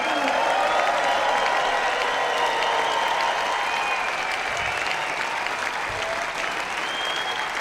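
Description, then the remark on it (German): A large audience at Classic Open Air Nürnberg 2026 applauds the Nürnberger Symphoniker and Jonathan Darlington steadily for several seconds, a dense, even wash of clapping that stays loud throughout with faint crowd murmur mixed in and no one speaking. “Ein großer Applaus gehen an die Nürnberger Symphoniker und Jonathan Darlington.”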